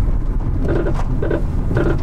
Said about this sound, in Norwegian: Hører vi en bil som ikke blir EU-godkjent.